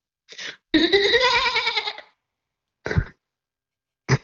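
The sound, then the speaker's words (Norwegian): A goat bleats once in a long, wavering, nasal cry, loud, with a few short throaty grunts or snorts before and after it. “Jeg har altså funnet lyden av en geit.”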